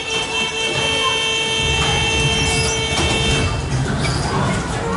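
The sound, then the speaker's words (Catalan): The aerial railway at the Tibidabo amusement park runs steadily, giving views of the panorama from a height. Its machinery gives off a sustained whining drone over a rumbling, clattering roll, loud and continuous throughout, with faint crowd voices in the background. “El ferrocarril aéreo nos proporciona la contemplación del panorama desde la altura.”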